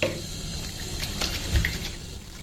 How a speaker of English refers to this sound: Okay. So, warm water.